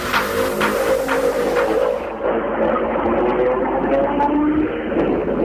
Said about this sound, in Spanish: Comienzan a llegar los protagonistas, los motores encendidos para los autos de esta serie que van ingresando a la zona de boxes, a la zona de premiación.